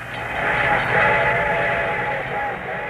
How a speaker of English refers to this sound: The train was coming closer. I could hear its bell ringing and the cry of its whistle.